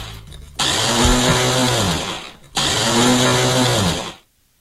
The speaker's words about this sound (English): Problematic blender. The worst, right?